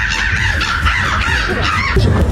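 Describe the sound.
A person imitates a crow's cawing at the third Polish Championship in bird imitation in Warsaw, producing loud, harsh, raspy calls. The calls run together almost continuously for a couple of seconds with no pauses between them.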